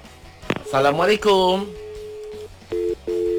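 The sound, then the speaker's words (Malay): A listener's telephone call ringing in to a radio studio: a long steady electronic tone followed by two short beeps in a row. A brief swooping, voice-like sound comes first. “Baik, kita ada pendengar yang telefon kita dikonti.”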